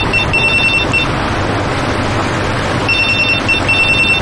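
A telephone rings in two bursts of rapid, trilling bell tones separated by a pause, fairly loud over a steady background hiss with no voices.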